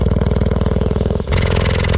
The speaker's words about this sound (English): I slowly started to drop the microphone down vertically, and when it got within about, well, 3 yards of this cheetah, I could see her chest rising and falling, but I could also hear she was purring just the same as any cat. Just purring away.